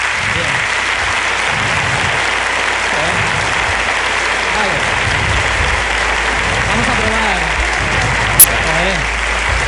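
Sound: long audience applause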